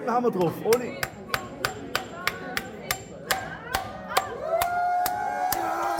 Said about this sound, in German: Das laut Hersteller besonders robuste Handy-Display aus Gorillaglas zerbirst unter den Hieben des jungen Zimmerers.